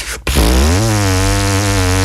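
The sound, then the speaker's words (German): A didgeridoo tone, produced with vibrating lips: a deep, buzzing drone rich in overtones begins after a brief pause and holds steady and loud, its timbre shifting slightly partway through. “Da ist so der Didgeridoo-Ton.”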